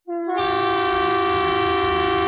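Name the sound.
civil defence air-raid siren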